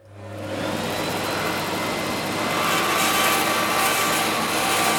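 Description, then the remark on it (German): A power saw in a workshop spins up and grinds steadily as a piece of wood is fed through the blade, a loud, continuous buzzing whine that holds for several seconds, with no voices. “Konzentriert führt Yannick Mehnert ein Stück Holz durch das Sägeblatt.”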